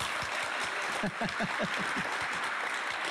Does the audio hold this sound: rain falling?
no